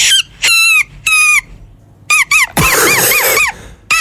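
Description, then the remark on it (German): A blade of grass held between the hands and blown during a walk gives a string of loud, shrill, reedy squeals: several short blasts, then a longer wavering, warbling squawk, with brief gaps between. “Nein, sie hat einfach nur ein Blatt genommen, einfach so einen kleinen Grashalm zwischen die Hände gemacht und dann hast du dieses Geräusch gemacht.”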